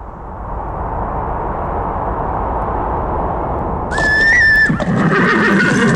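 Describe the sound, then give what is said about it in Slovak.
A horse lets out a single loud whinny near the end, rising over a steady rush of wind-like noise that fills the whole recording, after the horses have climbed a snowy hill at a ranch in the Sásovská valley, Banská Bystrica. “Naše kone vyšli až na kopec”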